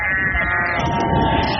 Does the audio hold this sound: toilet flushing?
no